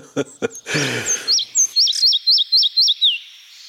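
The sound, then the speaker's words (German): A songbird of old, healthy forests sings a clear strophe of high, rhythmic whistled notes, about eight repeated upslurred phrases in quick succession, opening after a couple of brief low thumps and a short noisy burst. “Und wenn Sie also mal diese Strophe hier hören, dann wissen Sie, Sie sind im tollen Wald.”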